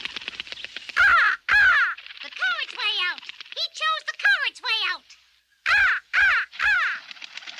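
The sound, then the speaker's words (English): A black raven caws loudly, a rapid series of harsh, throaty calls in uneven bursts, a brief pause, then a few more croaking caws. “A black raven flew into the room and perched on the bookcase.”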